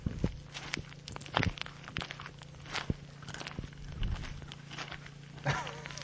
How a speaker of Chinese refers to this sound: 我觉得像脚步声，但没有那么平，就是是比较平坦一点的地方。